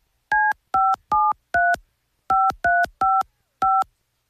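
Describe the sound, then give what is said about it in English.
A series of eight touch-tone keypad beeps as a phone number is dialed in two quick bursts, each tone short and clean with brief gaps between, loud with no talking. “I just dialed the wrong number.”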